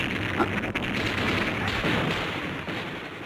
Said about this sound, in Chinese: 话音刚落，机枪声骤起，子弹打破车窗，汽车戛然停下。